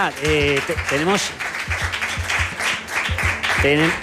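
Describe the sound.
An audience applauds for about four seconds, a steady dense clatter of many hands, while a few voices cheer or call out over the clapping at the start and near the end.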